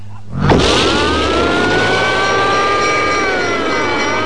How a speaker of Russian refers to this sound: Обычно Битти никогда не садился за руль. Но сегодня машину вел он, круто сворачивая на поворотах.